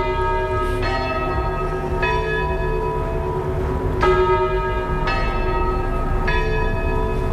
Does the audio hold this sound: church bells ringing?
yes